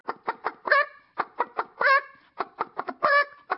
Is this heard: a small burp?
no